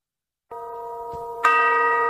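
A village church bell tolls twice to mark the hour, the second strike louder and brighter, each long ringing tone overlapping the last and hanging in the air. No voices.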